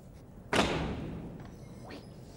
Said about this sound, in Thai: โอ้ดูหน่อยโอ้ยประตูปิดไม่สนิทอะง่ายนิดเดียวกระแทกแรงๆทีเดียวก็สนิทแล้วเดี๋ยวจัดการ